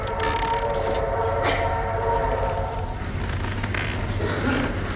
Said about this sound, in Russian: Федор один стоит на платформе и машет вслед уходящему поезду.